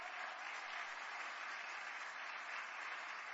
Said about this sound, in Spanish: Y hoy quiero decirte a ti, gloria a Dios, demos ese aplauso al Señor.